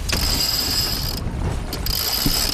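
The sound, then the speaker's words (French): A sail winch on a sailboat ratchets steadily as the sails are hoisted in the morning after leaving the port at Vevey, a continuous metallic clicking with a bright high whine that briefly pauses midway, then resumes, fairly loud with no talking. “Pour moi, hisser les voiles, c'est partir à l'aventure.”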